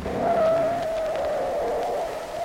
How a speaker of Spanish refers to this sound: ¡Ay, que a todo dar patinó el carro!